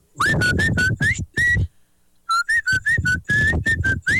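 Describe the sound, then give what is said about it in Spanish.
Someone whistles a song, a string of short, clear, fairly loud notes in two phrases separated by a brief pause, with no talking. “Este me silbó otra rola.”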